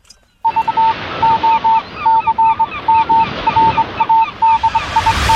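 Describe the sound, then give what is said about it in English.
A flock of geese honks over and over in quick, overlapping calls, fairly loud, as they fly off, above a steady rushing noise that swells toward the end. “The man has stopped running up the hill, and the geese are flying off.”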